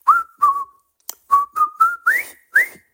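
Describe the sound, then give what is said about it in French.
A person whistles a short tune, the music from the film The Bridge on the River Kwai, as a guessing game on ICI Normandie radio: about eight clear, crisp notes in a bouncy, steady rhythm, with the last few rising slightly in pitch. No one talks. “Je vais vous siffler un air et vous allez devoir deviner le thème de ma ligne.”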